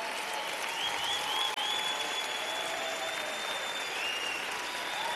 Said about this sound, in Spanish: Denle un fuerte aplauso al Señor Jesús.